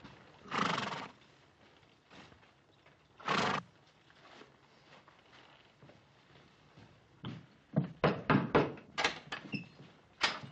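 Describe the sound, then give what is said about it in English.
The horses of a detail of cavalry soldiers whinny twice in loud, drawn-out bursts as they halt, then a quick run of sharp, irregular hoof clip-clops follows, with no one talking. “Detail, dismount. Stand to your horses.”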